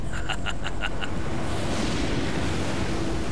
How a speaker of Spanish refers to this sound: Esta tormenta se acerca muy rápido. Perdemos el control del bote en estas olas.